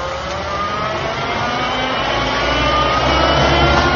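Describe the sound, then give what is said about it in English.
A truck engine rumbles steadily and revs up as the vehicle pulls away, the loud mechanical drone building slightly over a few seconds with no voices. “It looks exactly like a truck.”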